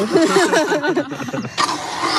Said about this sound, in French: Voilà, j'ai une batterie sur l'arrière de la ceinture. J'ai un petit moteur à la ceinture. Et donc, il y a un câble d'entraînement jusqu'à la fraise.